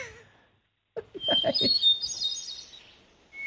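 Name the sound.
bird chirping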